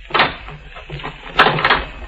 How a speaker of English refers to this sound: Oh, now listen. Lock the door. All right.